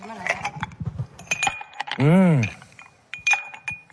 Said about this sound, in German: Das klingt gut. Ja, Eiswürfel.